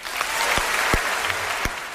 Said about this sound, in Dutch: En ik wil heel graag nog een keer mega applaus voor deze held. Dat applaus dat kan nog veel harder,